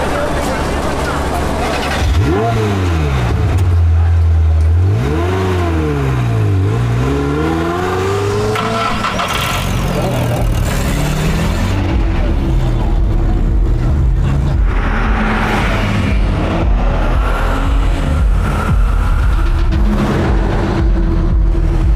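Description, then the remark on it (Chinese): An old car with a newly replaced engine revs loudly, its pitch climbing in repeated surging sweeps as it accelerates on a road with little traffic. It then settles into a steady rumbling drive with road noise and some voices mixed in. “别看这车破，发动机可是新换的，坐稳喽。”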